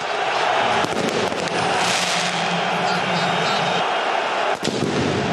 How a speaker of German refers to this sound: Böller aus dem Block von Kaiserslautern fliegen Richtung Haupttribüne.